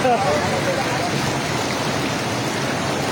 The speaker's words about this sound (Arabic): إذا مشاهدينا، كما أشرنا مسبقا، قوة دفع المياه أخرجت الجسر الترابي عن الخدمة بشبه كلي، لكن كيف يبدو المشهد عن قرب؟ نتابع هذه المشاهد في هذه المادة. ما شاء الله قوة المي.